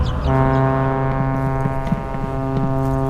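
The horn of a ship that Chairman Mao once rode sounds one long, deep, steady blast that starts a moment in and holds loud and unbroken to the end, with faint clicks and rumble underneath.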